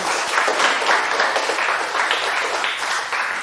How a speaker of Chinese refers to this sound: 哦，好的，谢谢， 谢谢， 掌声送给他。